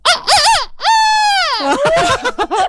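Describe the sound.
A person's voice imitates a rooster's crow as an example of animal voices: a couple of short rising calls, then one long, loud, sustained harmonic cry that bends downward, followed by a few choppy trailing sounds, clear.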